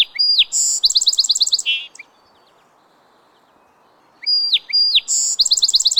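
Male song sparrows sing two bright, complex phrases from a woody thicket along a bank: each opens with clear notes, then a rapid buzzy trill. A quiet pause of about two seconds separates the songs, and no voices are heard.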